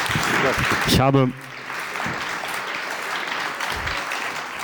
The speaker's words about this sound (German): Nochmal einen großen Applaus für meinen Pianopartner